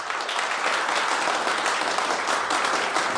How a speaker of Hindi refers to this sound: चारों तरफ तालियों की गूंज फैल जाती है।